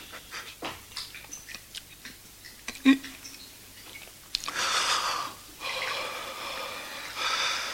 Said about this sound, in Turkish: Ama sana su kalmadı. Hepsini içtim.